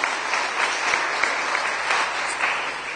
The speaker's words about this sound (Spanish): No, dele un aplauso a la palabra de Dios.